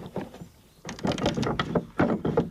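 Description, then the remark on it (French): A metal key turns in the wooden lock of a house door to lock or unlock it, producing a run of clicking, rattling mechanical sounds, a brief quiet start, then two busier bursts of scraping and clacking. “Et on vient actionner ce mécanisme pour déverrouiller ou verrouiller la porte de la maison.”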